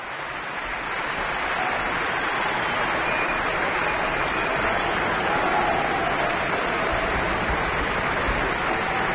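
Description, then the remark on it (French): The audience of the Berlin Philharmonie applauds pianist Francesco Piemontesi steadily, a dense wash of many hands clapping at an even, sustained loudness with no pauses, swelling in during the first second and holding throughout. “Le pianiste Francesco Piemontesi, copieusement applaudi par le public de la Philharmonie de Berlin, qui aimerait bien en écouter un peu plus.”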